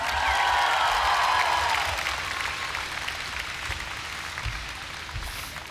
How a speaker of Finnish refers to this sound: Rummuissa on mies, ketä ei suostu ajamaan keikoille kuin pelkästään Harley Davidsoneilla. Isot aplodit